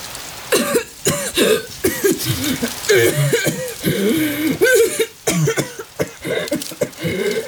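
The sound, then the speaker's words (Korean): A loud coughing fit brought on by the smell of wet leaves carried on a cold wind, a hand covering the mouth: harsh, rasping coughs burst out one after another in uneven clusters, with brief gasping pauses and throat-clearing rattles between them. “손으로 황급히 입을 가리지만 한번 터진 기침은 쉽사리 멈추지 않는다.”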